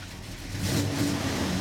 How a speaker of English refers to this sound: That's the distinctive sound of vintage engines at the Oskaloosa Classic Car Show in southeastern Iowa. Models like this bright red 1968 Camaro are gleaming in the morning sun.